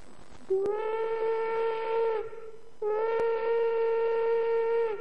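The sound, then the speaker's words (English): Two long, loud steam locomotive whistle blasts, each a steady, harmonically rich tone lasting about two seconds, separated by a brief pause, heard alone without any talking. “This is the big locomotive of yesteryear, the one with the steam whistle.”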